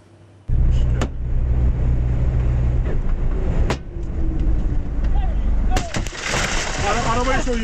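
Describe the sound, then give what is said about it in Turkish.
A few sharp gunshots, fired by armed robbers hijacking a truck near Bari, Italy, and caught on the vehicle's camera, crack out at irregular intervals over a steady engine rumble, with agitated voices rising near the end. “Film sahnelerini aratmayan gasp girişimi ve soyguncuların ateş ettiği anlar araç kamerasına yansıdı.”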